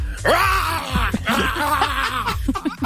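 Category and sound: vocal imitation, person imitating a dog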